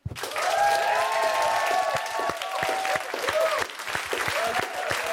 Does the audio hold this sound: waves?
no